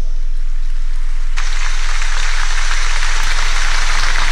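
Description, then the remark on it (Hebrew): An audience of families breaks into stormy applause after a speech calling for a state commission of inquiry: after a quiet moment, dense clapping erupts abruptly and stays loud and steady, a continuous wash of many hands with no voices over it. “מחיאות כפיים סוערות בקהל של המשפחות לעומרי שפרוני עם הקריאה שלו להקמת ועדת חקירה ממלכתית אחרי האמירות שלו על חג המשק.”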